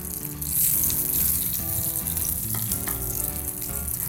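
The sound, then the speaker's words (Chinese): Food sizzles steadily in a hot pan, a dense crackling hiss with occasional pops and soft scraping of a utensil, fairly loud throughout with no one talking. “哇，你看，这样煎就很好吃啦。”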